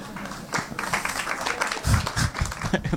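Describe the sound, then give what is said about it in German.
Applause from the audience at the live show Prepping for Future, a steady patter of many hands clapping at moderate volume for the whole stretch, with a few heavier low thumps partway through. “Weniger Applaus, so wie viele so, Moment mal.”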